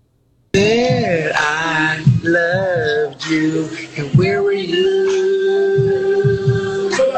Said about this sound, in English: He was also singing to his dog.